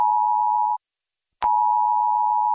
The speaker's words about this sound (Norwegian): Hei. Dette er en viktig melding fra politiet og sivilforsvaret. 10. juni klokken 12 testes nødvarsel på mobil.